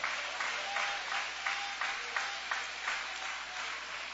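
An audience applauds steadily, a dense wash of many hands clapping with a few louder rhythmic claps pulsing through at a steady pace, with no speech over it.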